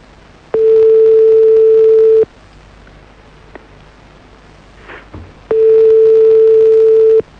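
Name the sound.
phone tone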